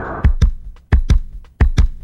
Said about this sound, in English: Listen, that's a heartbeat. Could be yours, could be mine. Could be the heartbeat of a child. Could be the heartbeat of a whale, a dolphin. It could be the heartbeat of the rainforest, our ecological system.